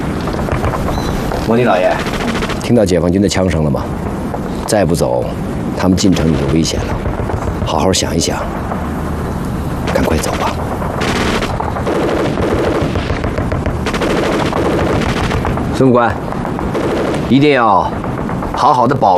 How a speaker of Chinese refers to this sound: 莫尼老爷，听到解放军的枪声了吗？再不走，他们进城就危险了。